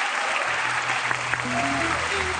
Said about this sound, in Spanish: ¿Cuántos años están casados? 40. 40 años. ¿Aplausos? Sí, claro.